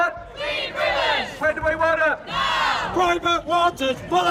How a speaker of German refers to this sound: Zehntausende laufen im November 2024 durch London. Sie protestieren gegen den privatisierten Wasserkonzern Thames Water.